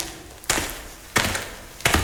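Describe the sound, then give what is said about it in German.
Three footsteps at a slow, steady pace, each a sharp, fairly loud thud with a brief scrape, separated by quiet gaps and no voices. “Ich höre Schritte!”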